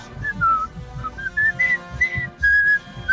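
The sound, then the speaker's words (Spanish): Someone whistles a short melodic tune, a string of clear pitched notes rising and falling with brief breaks, fairly loud, with no one talking. “Silbido. Voto canta, voto silbado.”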